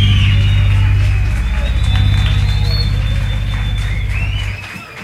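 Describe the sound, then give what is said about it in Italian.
A loud, dense wash of applause goes on steadily for about five seconds over a low droning hum, then thins out and drops off at the very end. “Ma c'è stato un grande applauso.”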